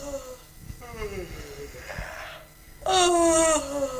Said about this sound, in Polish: Czyli ziewanie przypisane do figury, do kwadratu pustego i pełnego. Nie, to było ziewanie, ale okej.